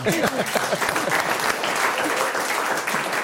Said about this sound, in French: Alors que notre invité fait face à sa première mauvaise réponse. Alors on applaudit l'effort, c'est un peu comme au sport.